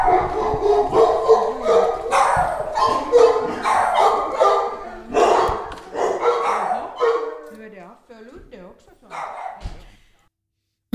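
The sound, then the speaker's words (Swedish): Several dogs bark and yip inside a dog hotel in Västra Hangelby, Sibbo, with overlapping bursts of barking that continue for several seconds before tapering off into a few scattered yelps and quiet. “innan hundskallen så hörde vi ju …”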